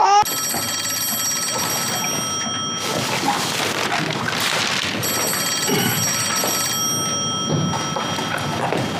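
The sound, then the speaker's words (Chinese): A telephone bell rings loudly in two long, shrill bursts separated by a short pause, over a busy background of room noise and faint movement. “哎，接电话。”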